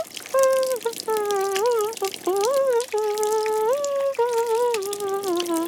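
Steady shower water runs and splashes throughout in a bathroom as Toudou, a soft toy in a children's story, takes a shower, with a gliding, hummed or whistled melody of sustained tones sounding over the spray.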